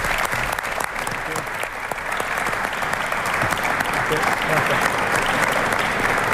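Sustained applause from a large audience for national team coach Luis de la Fuente, a dense steady clatter of clapping that fills the whole stretch at a fairly loud, even level without pause.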